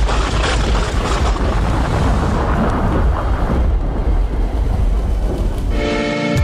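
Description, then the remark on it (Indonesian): A loud, sustained rolling rumble of thunder fills several seconds with a dense, deep roar, then gives way abruptly to a brief tonal, buzzing sound at the very end. “Penyebab lain tingginya frekuensi petir di wilayah Bogor adalah keberadaan Gunung Salak dan Gunung Pangrango.”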